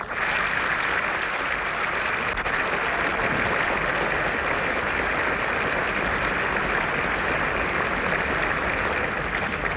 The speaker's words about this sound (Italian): Gli applausi al regista e all'interprete del film presenti nella sala si sono rilevati con più insistenza e spontanei al termine della proiezione del film.